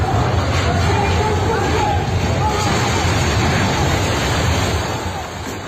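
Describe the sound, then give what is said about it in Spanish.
A sustained, heavy roar of rumbling noise fills the whole stretch, with faint screaming voices mixed in, as an apartment block collapses completely; the din eases slightly near the end. The video dates from February 2023. “Gritos y un estruendo enorme del momento en el que edificio se cae, se desploma por completo.”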